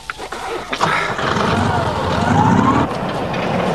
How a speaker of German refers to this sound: Vielleicht springt der Motor jetzt an.